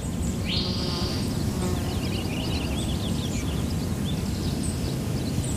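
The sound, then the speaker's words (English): A spotted towhee gives a short, dry, flat trill on one high pitch, followed by scattered faint bird chirps, all over a steady low rumble of background noise. “There's a spotted towhee making kind of a dry, flat trill off in that direction.”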